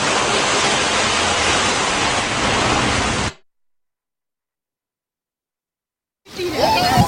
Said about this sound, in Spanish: Hola, ¿qué tal? Buenas tardes, bienvenidos, bienvenidas a la playa, el sitio perfecto para inaugurar el fin de semana.